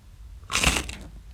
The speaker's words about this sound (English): This is a thick cut, crinkle cut Samboy barbecue chip. Mm-hmm. This is what it sounds like. Take a listen.